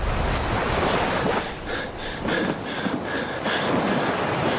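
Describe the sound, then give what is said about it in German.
Steady ocean surf and gusting wind roar without pause on the open sea around a shipwrecked person in a yellow rubber dinghy, a dense wash of water noise with faint intermittent whistling tones drifting above it. No one speaks. “Ein Mensch gefangen in einem gelben Gummiboot, rundherum nichts als Wasser.”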